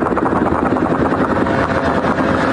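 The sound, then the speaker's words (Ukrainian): A drone attack on the Moscow oil refinery in Kapotnya, Russia: a loud, steady engine roar fills the whole moment, a dense buzzing drone that holds without a break, heavy, with no voices. “Це атака на московський нафтопереробний завод у Капотні, один із найбільших у РФ.”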